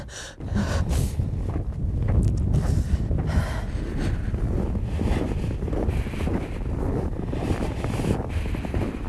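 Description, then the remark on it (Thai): Strong, steady, cold wind blowing off a glacier across an open area surrounded by mountain valleys, at about -9 degrees, roars across the microphone for the whole stretch, a loud, buffeting low rumble with gusty surges and no voices. “แล้วทิศทางลมเนี่ยมาจากเกลเชอร์พัดเข้ามาเข้าหาตัวเราเนี่ยวิน่าล่ะทำไมตรงนี้ถึงหนาวจังนอกจากมีไอเย็นแล้วลมยังแรงด้วย”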